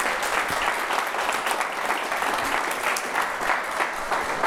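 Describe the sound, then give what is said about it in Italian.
An audience claps steadily, a dense wash of many hands applauding for several seconds without pause, with no one speaking over it. “Un bel applauso, grazie davvero, grazie.”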